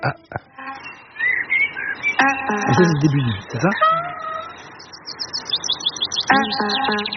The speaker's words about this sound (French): Je connais, c'est les oiseaux.